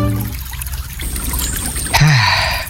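Steady flowing river water trickles and burbles at a riverbank beside a quiet village in the afternoon, where a man is fishing. A continuous, moderately loud wash with a brief louder splash near the end and no voices.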